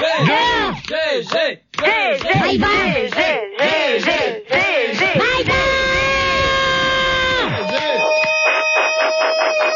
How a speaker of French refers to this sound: Arrête de crier